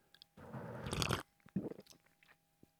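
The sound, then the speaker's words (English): A loud, exaggerated slurping sip of an iced latte with soya milk and caramel syrup, a long noisy draw followed by a shorter second slurp, with no talking. “We can have a exaggerated radio slip. Sip, slip, sip together.”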